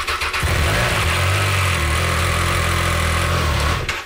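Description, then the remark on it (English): A Triumph 660 Sport light touring motorcycle engine cranks and catches, then settles into a steady, throaty idle that rumbles loudly for several seconds before cutting off. “It's a light touring bike. Very nimble, very agile. Great for city and highway. How fast can it go? As fast as you want.”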